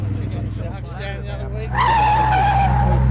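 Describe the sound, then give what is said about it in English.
Tires squeal loudly as a car takes a corner, a sustained high-pitched screech rising and holding over a low engine rumble, intense, with faint voices underneath. “Whoa! Slow it down around the corners, mate.”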